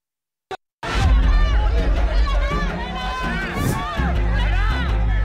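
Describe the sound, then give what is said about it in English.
A loud, dense crowd of hundreds of DMK supporters cheers and shouts slogans outside a police station as Udayanidhi Stalin emerges on station bail, many voices overlapping in a continuous roar with rising chants, after a brief click and a moment of silence. “He emerged to a cheering crowd.”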